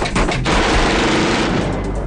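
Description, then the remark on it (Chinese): Rapid, dense bursts of automatic gunfire from a gunfight at a construction site ring out loud, the shots blurring into a continuous rattling barrage for the whole stretch with no talking. “他怒吼着冲向了枪声密集的战场。”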